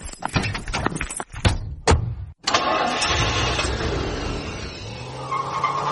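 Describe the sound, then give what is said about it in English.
A car engine cranks in several quick stuttering bursts, pauses briefly, then catches and roars to life, settling into a steady loud running rumble. “Quick, get in my car.”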